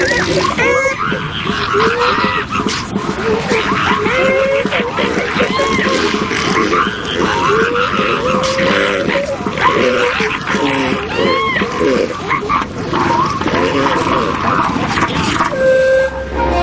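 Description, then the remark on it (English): A male elephant seal clears sand from its nose with loud, wet, flatulent snorts and sputters, joined by a steady din of rough, roaring animal calls that keeps going throughout. “The flatulent sound is coming from the elephant seal's nose as he clears it of sand.”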